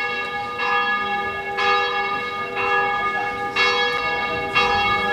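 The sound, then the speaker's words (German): Church bells in Korčula, Dalmatia, ring out in a steady, repeating peal, each strike blooming with rich overlapping tones that hang in the air. The ringing is loud and continuous, with no voices. “Das Glockengeläut ist nicht nur Urzeit bekannt zu geben.”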